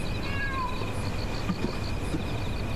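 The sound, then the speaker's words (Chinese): A pet cat gives a soft, brief meow early on, a thin falling cry set against a steady hiss of background noise, with no talking. “这是你养的猫，还挺好看的。”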